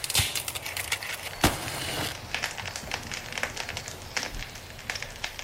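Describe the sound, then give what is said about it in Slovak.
A small campfire being lit crackles and pops, with irregular sharp snaps over a soft, steady hiss and no voices. “Ja ten oheň rozložím.”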